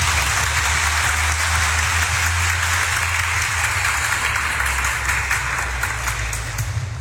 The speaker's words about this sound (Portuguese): E ao Padre Adilson, a nossa saudação fraterna com a salva de palmas, né, minha gente?